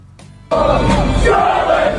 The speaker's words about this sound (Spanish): decidieron cruzar el Atlántico en barco y llegaron cantando a todo pulmón, así como un ejército invasor